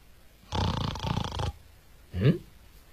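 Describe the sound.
A voice imitates the loud snoring of a fat monk asleep on a flat rock between two trees in a forest: a long, rough, rattling inhale-like snore lasting about a second, a pause, then a shorter, sharper snort. It is alone, with no talking.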